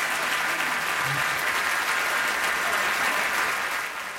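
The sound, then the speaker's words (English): Sustained audience applause after a jazz performance in Paris in 1990, a dense, steady wash of clapping from many hands that holds its level throughout and tapers only slightly at the end, with no talking over it. “And the applause goes on and on and on in Paris in 1990 for that performance”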